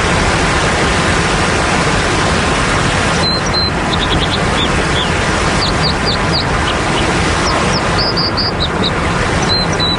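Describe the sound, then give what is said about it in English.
A loud, steady roar of rushing water from a waterfall fills the whole recording, while a small bird's high, sharp chirps cut through it in scattered bursts partway in. “A loud and intrusive natural sound, such as a waterfall, has evolved as part of an ecosystem over a long period of time.”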